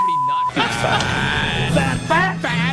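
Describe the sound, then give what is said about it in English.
A loud, cluttered burst of four layered electronic 'fat alarm' tones combined into one: a steady beep gives way to several overlapping buzzing and warbling signals sounding together in a jarring, comic jumble for a couple of seconds. “is this all the same alarm, or have you mashed in multiple fat alarms into one?”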